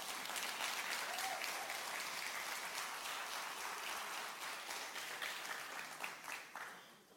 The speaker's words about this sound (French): Vous avez essayé d'applaudir sur mon vidéo tantôt, là, mais il faut applaudir pour mon secondaire 5.